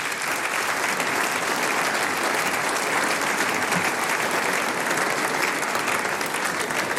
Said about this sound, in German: Das ist ein Applaus. Komm auf zu mir.